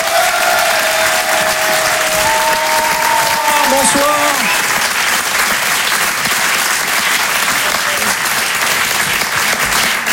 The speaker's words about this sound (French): Et en live ce soir sur la scène de Rire et chanson Comedy Club, applaudissez-le s'il vous plaît